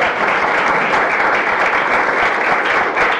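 An audience claps steadily for a few seconds, a dense, even wash of many hands with no pauses and no voices standing out.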